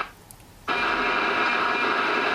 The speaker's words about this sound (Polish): Cóż, no w tej chwili należałoby jeszcze wam zaprezentować kilka innych dźwięków sond różnych, bo albowiem w Europie puszczają nie tylko SGiepki, jak to my mówimy w skrócie, czyli TO.